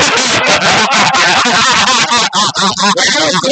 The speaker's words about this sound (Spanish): Bueno, quienes están en YouTube se dan cuenta que cómo va saliendo el carro en directo desde la Luciana.